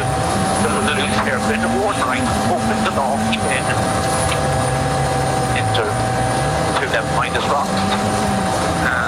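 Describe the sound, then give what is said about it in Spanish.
Onboard Takamoto Katsuta's rally car on a dusty, sunny, tree-lined stage, a loud, steady engine roars throughout. Its pitch climbs and drops repeatedly as it revs up and shifts, with rough mechanical noise and rattles layered on top. “Tal cual, de hecho ya está llegando, a ver, nos subimos arriba del auto de Takamoto Katsuta.”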